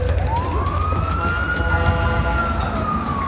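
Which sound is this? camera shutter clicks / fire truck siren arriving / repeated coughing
fire truck siren arriving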